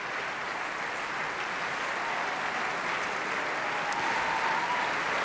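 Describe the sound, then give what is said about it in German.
Steady, dense applause from a large opera house audience for the eight Valkyries singers, ladies in blue smocks with golden sashes, as they come onto the stage: a continuous wash of many hands clapping at an even level throughout, with no voices standing out. “Auch sie holen sich den wohlverdienten Applaus ab.”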